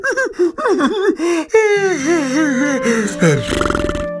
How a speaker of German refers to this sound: … erzählt ein Märchen, gähnt aber ständig dabei und lässt halbe Sätze unvollendet.